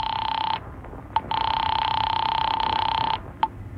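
A telephone rings in two long, steady electronic bursts separated by a short pause, with brief clicks between them. It sounds clear, and nobody speaks over it.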